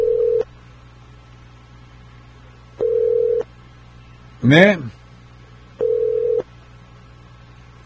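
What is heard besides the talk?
telephone call ringing unanswered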